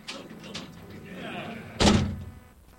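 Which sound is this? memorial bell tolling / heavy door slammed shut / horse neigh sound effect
heavy door slammed shut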